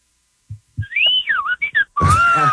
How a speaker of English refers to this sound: The starlings are calling us now. Yeah, that's pretty awesome.